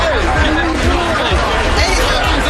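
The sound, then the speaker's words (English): A loud, dense crowd hubbub of many overlapping voices and shouts at a chaotic Fourth of July scene in Newport Beach, California, amid fights and fireworks, continuous throughout, with no clear single speaker standing out. “Crowds and booms in Newport Beach, where fights and fireworks led to about 100 arrests, according to reports.”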